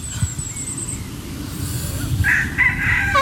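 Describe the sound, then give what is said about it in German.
A rooster crows outdoors among chickens during a yoga session, its drawn-out call rising near the end, over a steady low rumble of background noise with no talking. “Ja, der Hahn ist aber auch ein unbezahlter Statist, ne?”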